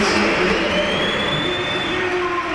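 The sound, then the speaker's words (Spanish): A stadium crowd at a football match applauds in a steady, dense roar, with a few thin, high whistles cutting through the noise, as Vinícius Júnior leaves the pitch in a substitution. “Bueno, yo creo que más aplausos, hay algún que otro pito, pero…”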